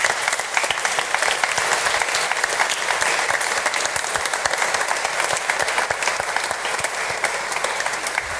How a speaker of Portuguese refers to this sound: E para todos aqueles que estiveram assim, com o coração generoso a dar de si, do seu tempo e dos seus dons, a nossa gratidão com uma grande salva de palmas.